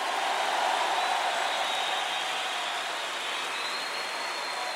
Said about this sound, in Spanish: Un aplauso a la venida de Cristo Jesús.